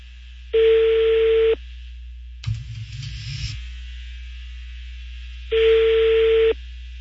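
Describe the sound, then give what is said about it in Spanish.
A telephone ringback tone rings twice on an outgoing call to a school transport business, each ring a one-second steady buzz about five seconds apart, with a brief clattering noise between and a low hum throughout. “Tiene un negocio de transporte escolar y ya está sonando el teléfono.”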